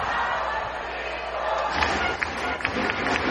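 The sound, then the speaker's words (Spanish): A baseball stadium crowd cheers on its team in a steady, dense roar that holds for the whole stretch, with a few sharp claps or thumps popping out over it in the second half. “La gente buscando alentar a los suyos.”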